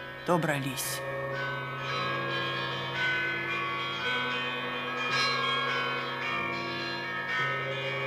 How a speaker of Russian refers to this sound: Звонят колокола Знаменской церкви Иркутска.